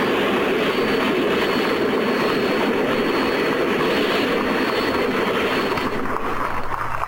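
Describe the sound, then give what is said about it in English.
The gas turbine engine of the 1967 Paxton side-mount turbine race car at the Indianapolis Motor Speedway roars loud, a steady rushing blast topped by a thin high whine, holding nearly constant throughout with no talking. “That was the sound of the Turbine Experimental.”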